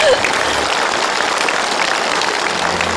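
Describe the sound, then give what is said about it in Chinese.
An audience applauds steadily and loudly to congratulate people on stage on their reunion, a dense wash of many hands clapping at once that holds for the whole few seconds without fading. “我们再次用掌声祝贺他们同心团圆。”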